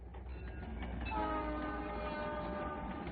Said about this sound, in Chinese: 火车开动以后